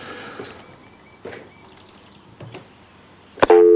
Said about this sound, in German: So, jetzt aber erstmal das Telefon, hoffentlich keine Scheiererei.